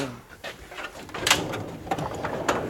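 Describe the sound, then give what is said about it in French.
A specimen cabinet drawer holding precious old specimens slides open, with a few short scraping knocks and clunks spread over a couple of seconds against a faint background murmur. “Très bien, alors là ça donne envie de les ouvrir ces tiroirs.”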